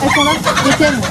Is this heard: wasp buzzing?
no